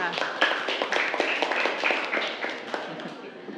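A group of schoolchildren in a class claps for a classmate whose answer was half correct, a quick, uneven flurry of sharp claps that continues steadily for a few seconds at moderate loudness, with some chatter mixed in.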